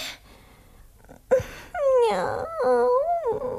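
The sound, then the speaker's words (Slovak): A dog howls, a loud, drawn-out cry that wavers up and down in pitch for about two seconds after a short yelp and a quiet start. “Juj, pes!”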